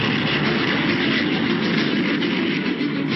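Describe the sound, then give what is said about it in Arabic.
A loud, steady roar of military aircraft flying overhead, 150 Syrian planes opening the war with heavy bombing of Israeli positions in the Golan; a dense continuous rumble that holds at the same level throughout with no voices. “افتتحت 150 طائرة سورية الحرب بقصف عنيف على المواقع الإسرائيلية في الجولان.”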